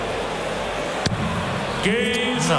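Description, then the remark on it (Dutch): A single sharp, solid thunk of Wade's first dart striking the dartboard during a World Match Play darts match cuts through a steady murmur of background noise, and a voice starts speaking shortly afterward. “Over de schouder van Wade vliegt de eerste pijl.”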